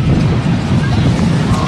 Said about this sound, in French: temps d'arrêt demandé par le frappeur là, il y a eu un gros coup de vent là au marbre